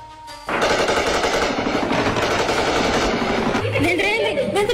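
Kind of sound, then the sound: gunfire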